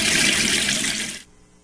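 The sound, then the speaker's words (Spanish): A strong, steady rush of water spraying from a hose, loud, then it cuts off abruptly after just over a second, leaving near silence. “que para limpiar la banqueta, la cochera o el pavimento no es necesario utilizar el chorro de la manguera?”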